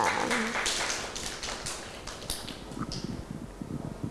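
Children clap together in a quick, uneven burst of overlapping hand claps that thins out after a couple of seconds, leaving soft scattered taps and low thumps.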